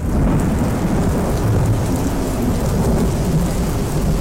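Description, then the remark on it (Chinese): Heavy rain pours down steadily and loudly in a city rainstorm while a deep rumble of thunder rolls underneath throughout, with no voices. “预计未来两小时全市强降水，伴有雷电冰雹。”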